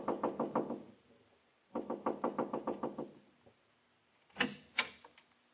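Two quick runs of rapid, even knocks on a wooden door, close and fairly loud, followed after a pause by a couple of heavier, separate thuds.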